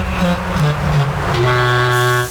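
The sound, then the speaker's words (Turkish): A departing bus's horn blares in long, sustained tones, loud, shifting pitch slightly as it holds through the whole stretch amid busy street noise. “Gidiyor gidiyor anam babam, otobüs gidiyor.”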